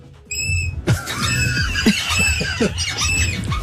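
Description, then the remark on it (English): A chair seat squeaks repeatedly as people swap seats: shrill, high, wavering squeals that start abruptly and keep going in uneven bursts, mixed with creaks and rustling as the seat shifts. “We're swapping seats because mine's squeaking.”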